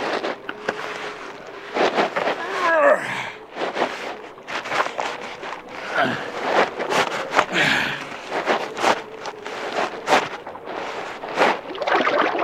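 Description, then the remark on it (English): A wooden raft scrapes and bumps as it is slid into a river with a strong current and big ice floes. Irregular bursts of splashing and knocking sound over a steady rush of moving water, with no voices. “Help me slide this raft into the water.”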